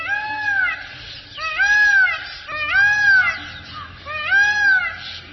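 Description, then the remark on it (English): A blue peacock calling: four loud, high, wailing cries with a rising-then-falling shape, repeated at a steady pace of about one per second, with no talking. “You can admire the fabulous plumage of the males at close range, or see and hear a blue peacock on video at our website, birdnote.org.”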